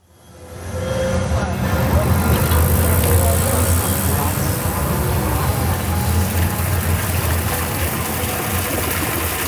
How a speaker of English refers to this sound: You're listening to the sounds of the Fountain Square neighborhood here on 90.1 WFYI.